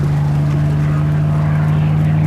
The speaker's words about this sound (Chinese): 那是咱们的飞机吗？